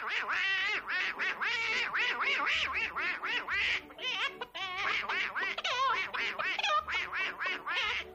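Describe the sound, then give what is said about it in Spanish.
A man imitates a duck's voice for a musical cartoon short, voicing the duck in a song sung as a duet with a hen, in a continuous stream of raspy, squawking quacks that rise and fall like garbled speech, loud, with a brief pause midway. “En el corto había una canción que cantaban a dúo una gallina y un pato, y Nash le ponía la voz al pato.”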